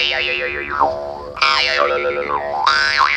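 A jaw harp, its plucked spring tongue vibrating between the lips, twangs with a steady buzzing drone imitating a grasshopper. Its overtones, shaped by the mouth cavity and breath, sweep up and down in bouncy, springy contours over a constant fundamental. No voices, just the instrument throughout.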